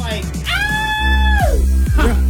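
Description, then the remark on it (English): A person imitates the shrill, girlish scream they let out at a zombie scene in a movie theater: one sustained high-pitched vocal cry lasting about a second, then sliding downward at the end, loud, with brief voice sounds around it. “And I let out the most girlish scream.”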